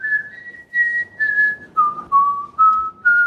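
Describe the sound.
A person whistles a song melody on the Ö3 Wecker radio show, a clear bright tone moving through a series of sustained notes in short phrases, stepping down in pitch partway through and rising slightly at the end.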